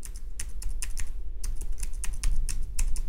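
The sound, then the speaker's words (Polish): Crisp keystrokes from a braille note-taker keyboard, a quick irregular series of about a dozen clicks over a low background hum, with no talking. “Klawiaturka jest rewelacyjna, bardzo dobry skok. Bardzo się miło na niej pisze.”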